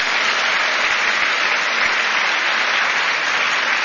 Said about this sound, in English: If we could give them a round of applause as well for this event.